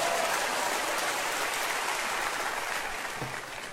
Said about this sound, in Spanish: Ahora sí, bueno, si va a aplaudir, aplauda y luego se puede sentar.